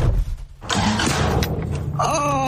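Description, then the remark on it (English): A car engine cranks and struggles to catch, a rough grinding churn with low rumble, followed by a rising whine near the end; fairly loud, no talking. “But first, let me give you a sneak peek of mine. Watch this.”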